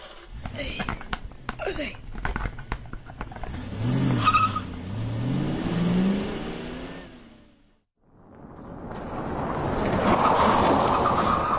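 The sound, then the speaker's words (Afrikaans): Clicks and handling noises as batteries are put into a car, then an engine-like hum that rises and falls in pitch, a short pause and a steady, loud rushing whir as the car drives away. “Nou, laat ek die kar sak. En sit ons die koppie met die water versigtig terug. En ek kan ons maar ry.”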